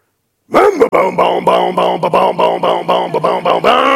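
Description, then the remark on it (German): A voice imitates a two-stroke chainsaw starting up: a loud, buzzy, rasping drone pulsing in quick uneven bursts, then settling into a steady revving hum at the end. “Achtung, wir starten die Zweitakter-Kettensäge.”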